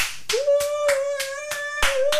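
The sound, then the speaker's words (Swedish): Hands clap in a steady, even beat, about seven sharp claps over two seconds, while a thin sustained tone, like a held whistle, runs underneath the whole time. The clapping is by the editorial staff of a summer radio broadcast, applauding a guest. “Det var ödlig redaktionen här sommarsändningen som klappar för dig”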